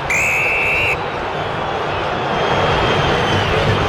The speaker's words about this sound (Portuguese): Vaias da Fiel para atuação corintiana nessa primeira etapa, o Fluminense vence o jogo, gol do Hulk, 1-0 aqui em Itaquera.